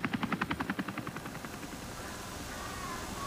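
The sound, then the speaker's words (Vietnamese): A UH-1 military helicopter of the Republic of Vietnam armed forces: its rotor beats in fast, rhythmic thumps that are loud at first, then fade into a steady whooshing engine drone. No one speaks. “Trực thăng này là UH-1 quân đội Việt Nam Cộng Hòa, hồi xưa cũng dùng máy bay trực thăng này để mà đi hành quân.”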